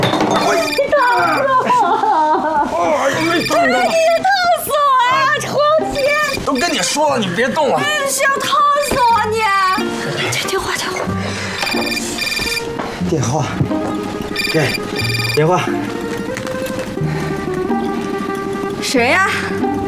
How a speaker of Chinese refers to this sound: 电话响！